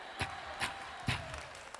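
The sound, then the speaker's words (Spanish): A Pentecostal audience claps in unison, three sharp, fairly quiet claps in a steady rhythm over a soft background hum, with no one speaking. “Esos que están aplaudiendo así son pentecostales, de verdad.”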